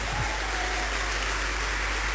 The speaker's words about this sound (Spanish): ¿Cuántos le damos un fuerte aplauso al Rey?